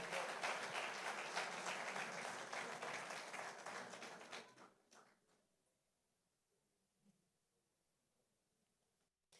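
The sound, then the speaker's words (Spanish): A crowd at a Centro Cristiano Misión Global gathering in Chitagá bursts into sustained, hearty applause for the Lord that holds steady for several seconds, then quickly dies away, leaving near silence broken by a few faint, scattered claps. “Dele ese fuerte aplauso al Señor.”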